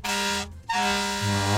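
A truck's air horn honks loudly, a short blast, a brief break, then a longer sustained blare with a deep, rich tone and no voices.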